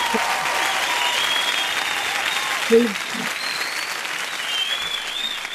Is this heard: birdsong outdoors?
no